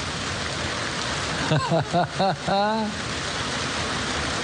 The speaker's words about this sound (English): Thank God for the rain. Sometimes it's real heavy. Enjoy yourself. Aren't you glad you're not out in it? Or if you want to, you can go out and run in it now.